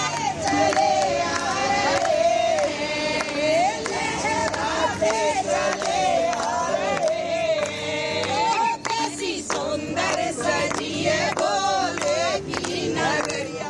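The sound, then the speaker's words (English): A large crowd of devotees chants "Bam Bam Bhole" loudly together in Jammu as they arrive for the annual Sri Amarnath Ji Yatra. Many voices rise and fall in a steady, repeating rhythm, with scattered shouts and claps through the dense, continuous roar. “With chants of Bam Bam Bhole echoing through Jammu, thousands of devotees have begun arriving ahead of the annual Sri Amarnath Ji Yatra, which begins on July 3rd.”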